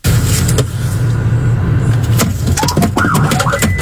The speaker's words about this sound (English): So when he switched seats with his passenger, he lifted his foot off the brake. The car was in reverse, started rolling back. It actually smacks into the cop car behind him right here, as you can see.